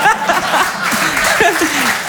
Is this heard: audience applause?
yes